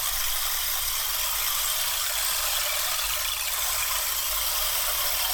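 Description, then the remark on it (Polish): A steady, dense rushing hiss from a shaken stream-sound percussion instrument (a "strumyk"), like trickling water, continuing evenly for several seconds with no voices. “To jest strumyk.”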